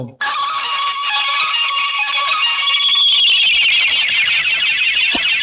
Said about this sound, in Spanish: Y déjeme sonar la chicharra para referenciar el tiempo de juego.